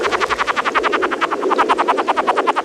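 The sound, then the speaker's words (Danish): A frog croaks in a fast, steady run of rasping pulses, roughly ten per second, loud and continuous for the whole stretch with no voices. “Er det en frø, det der? Det er en frø.”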